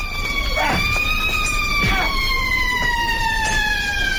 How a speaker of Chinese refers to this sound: 就在这时，警笛声突然大作